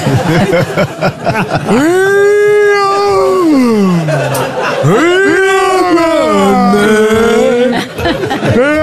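A dog howls in long, wavering rising-and-falling notes, three drawn-out howls in a row, loud, with a murmur of voices chattering faintly in the background.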